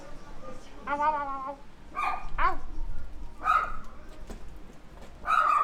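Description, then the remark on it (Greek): Dogs bark and yelp in a fight, five or six sharp, strained outbursts at irregular intervals, moderately loud over a low rumbling background. “Άστα, καυγάς.”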